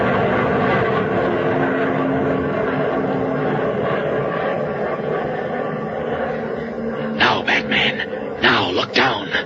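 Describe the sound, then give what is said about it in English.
A steady, loud airplane engine drones overhead as the plane passes directly over a mill, holding a constant roar throughout, while voices speak over it toward the end. “It's going to pass directly over the mill, Mr.”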